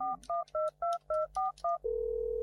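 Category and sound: signal or alarm, telephone keypad dialing tones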